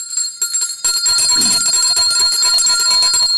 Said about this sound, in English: I have to ring the bell for that.